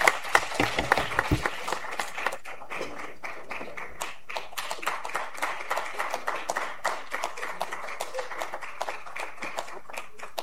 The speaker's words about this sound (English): Round of applause.